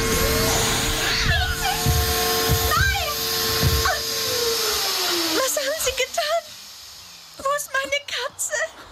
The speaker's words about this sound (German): Was hat Ihr Staubsauger getan?